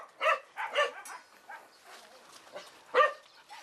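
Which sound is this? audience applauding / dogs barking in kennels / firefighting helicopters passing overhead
dogs barking in kennels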